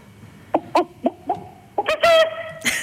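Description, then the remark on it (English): A person imitates a chicken: four short, clipped clucks in an uneven rhythm, then a louder, drawn-out high squawk and one final sharp cluck. “Give me your best chicken impression when you're ready.”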